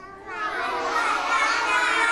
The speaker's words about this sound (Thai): โอ้โหเสียงดังเลยค่ะเด็กๆ